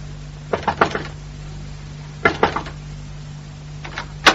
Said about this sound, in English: Wait, you knocking next door